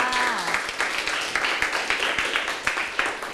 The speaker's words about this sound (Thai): ใช่แล้วล่ะค่ะเก่งมากค่ะปรบมือให้เพื่อนค่ะ